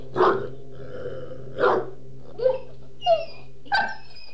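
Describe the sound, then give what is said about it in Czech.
The dog Dingo gives a mournful, whining howl in five short, evenly spaced cries, the later ones thinner and higher-pitched, with no one speaking. “Negoro asi zaslechl Dingovo žalostné vití.”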